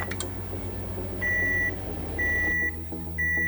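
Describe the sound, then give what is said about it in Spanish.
Three evenly spaced, high-pitched electronic beeps from a microwave oven, each about half a second long, sounding clearly over a steady low humming background. “El horno de microondas es uno de los electrodomésticos más populares de la era moderna, ya que ha revolucionado la forma en que cocinamos y calentamos los alimentos.”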